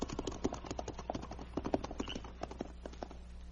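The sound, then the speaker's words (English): Horses' hooves clatter in a quick, steady clip-clop rhythm, several animals moving at pace, the hoofbeats easing slightly softer toward the end as they ride off, with no voices. “Turn your horses around and get going.”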